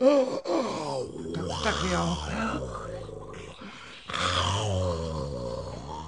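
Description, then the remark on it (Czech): Drowsy dog-like grumbling and groaning, voiced by a person imitating dogs falling asleep, rises and falls in low, drawn-out moans, with a brief pause partway before the sleepy grumbles resume. “U všech všudy tohle jsou mi nafoukaní psi. Ještě, že na chvíli usnuli a dají pokoj.”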